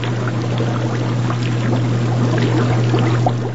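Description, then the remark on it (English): Continuous bubbling and gurgling water from aerated aquaculture tanks of kelp, oysters and baby abalone in a University of Alaska Fairbanks seaside lab, fairly loud, over a steady low mechanical hum like an air pump. No voices. “In their seaside lab, scientists at the University of Alaska Fairbanks dote on bubbling tanks of kelp, oysters, and baby abalone.”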